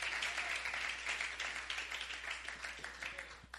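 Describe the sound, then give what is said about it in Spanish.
A crowd applauds together for the Lord, a dense, steady wash of many hands clapping that carries on throughout without pause, with no voices standing out. “Dele fuerte ese aplauso hacia para el Señor.”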